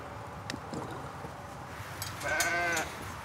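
A sheep lets out a wavering bleat, rising over a steady background murmur of the flock and faint shuffling, with a few brief thumps earlier on, as the sheep are treated against flies and the treated ones are marked with a red grease crayon.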